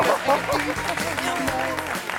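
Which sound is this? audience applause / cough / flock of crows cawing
audience applause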